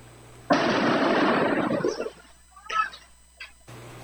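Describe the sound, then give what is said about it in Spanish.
A Molotov cocktail explosion bursts out suddenly and loudly, roaring for over a second before fading, followed by two smaller, fainter pops; Molotov bombs from an attack on a school, recorded from a workshop next to the school. “Son las bombas Molotov. Esto es del taller de enseguida, así con esa fuerza se escucharon.”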